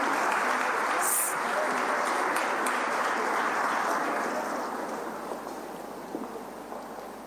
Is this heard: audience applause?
yes